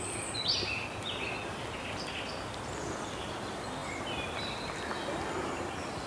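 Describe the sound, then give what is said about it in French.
A few birds whistle and chirp faintly, their short calls scattered over a steady, hissing outdoor ambience with no one speaking, in misty weather with clouds capping the surrounding ridges and mist over the treetops. “Quelques oiseaux siffleurent.”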